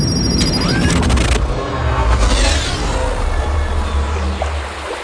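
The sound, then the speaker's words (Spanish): A steady wash of calm sea water off Quitapellejos beach fills the scene, with a deep low rumble underneath and a few faint whooshing sweeps passing through, continuous and fairly loud with no one speaking. “El mar parece tranquilo. Demasiado tranquilo.”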